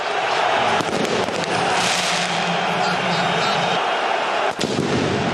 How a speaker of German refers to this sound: Böller aus dem Block von Kaiserslautern fliegen Richtung Haupttribüne.